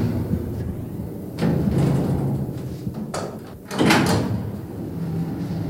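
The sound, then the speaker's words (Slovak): A door being held open makes a few rough sliding and knocking sounds spread over several seconds, moderately loud over a steady low background hum, with no voices. “Len pridržím dvere a pôjdeme nazad.”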